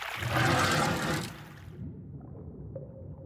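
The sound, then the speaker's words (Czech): Water let out from the bottom of Pardoubek pond gushes through the sluice in a loud, broad rush that lasts about a second and a half, then drops to a low, steady gurgling rumble. No one speaks. “No, budu muset ještě trochu popustit spodem, protože je voda moc nahoře a mohla by provalit hráz.”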